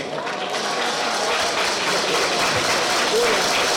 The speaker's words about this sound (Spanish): Muchísimas gracias en esta tarde, pero el aplauso de manera muy especial para todas y para todos ustedes. Un aplauso, gracias por acompañarnos.